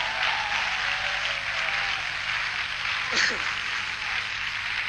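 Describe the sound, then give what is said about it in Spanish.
An audience claps in sustained, dense applause, a steady wash of many hands that stays loud and even for the full five seconds, with a brief swell near the end. “Fuerte el aplauso, vamos.”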